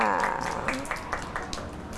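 Children clap in a loose, uneven patter of sharp slaps, several quick claps spread over two seconds, with voices murmuring underneath.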